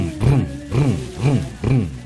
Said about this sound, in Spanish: Está en marcha la moto.